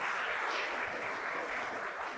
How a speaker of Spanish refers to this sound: Yo no sé si usted quiere darle ese fuerte aplauso a nuestro Rey Celestial. Amén.